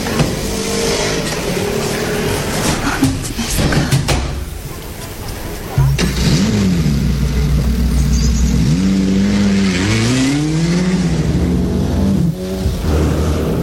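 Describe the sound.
A car engine starts up and revs, its pitch rising and falling as the car pulls away and accelerates to drive someone home, loud, with faint voices in the background.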